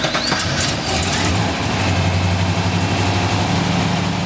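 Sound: car engine idling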